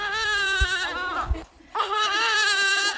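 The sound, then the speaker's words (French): A baby barely one month old cries without letup at an orphanage in the Ndjari quarter, 8th arrondissement, two loud, sustained wails separated by a brief catch of breath, with no voices talking over it. “D'autres prennent leur bouillie, tandis que la plus jeune, âgée d'à peine un mois, pleure sans répit.”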